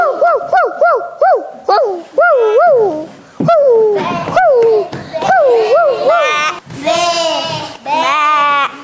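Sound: dog barking and whimpering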